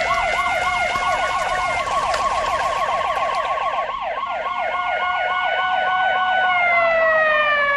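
Three police car sirens wail loudly at once, their rapid rising-and-falling yelps overlapping as the cars approach, shifting into a steadier tone near the end. No one speaks.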